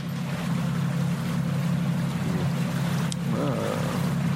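A boat engine drones steadily throughout, a loud low hum with a constant rumble, while faint tonal sounds and a brief higher whistle rise briefly near the end.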